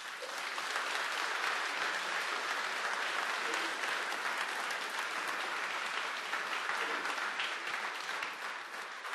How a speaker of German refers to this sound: Einen großen Applaus bitte für die Tech-Kids, die hier für uns eine kleine Vorführung vorbereitet haben. Applaus bitte.